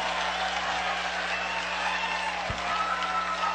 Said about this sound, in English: Is that a Carolina fan? Get a big round of applause. Yep, Carolina fan making the play and getting the fist bumps all around.